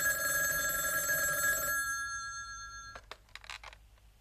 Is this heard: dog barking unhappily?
no